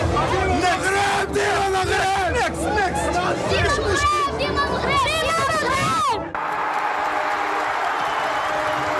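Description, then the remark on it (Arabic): A dense crowd of Moroccan football fans, young and old, women and men, yells and chants together, many voices overlapping, as Morocco's Atlas Lions attack in their third World Cup match against Haiti, before the scene cuts to a steady roar of cheering. “أصوات تعبر عن تشجيع صادق من القلب، فكلما هاجم أسود الأطلس في ثالث مباراة ضد هايتي تهتف الجماهير صغارا وكبارا ونساء ورجالا.”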